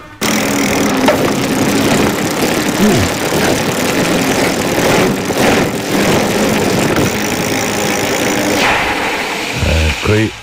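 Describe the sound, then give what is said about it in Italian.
Food sizzles over a barbecue fire in a steady, dense hiss with fine crackles, holding an even loudness for about ten seconds over a low murmuring hum. “Il rumore del fuoco, barbecue.”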